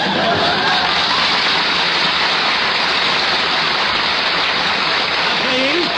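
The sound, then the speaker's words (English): A crowd applauds steadily and loudly, a dense wash of clapping that holds at an even level for the whole stretch without fading. “Please, don't applaud.”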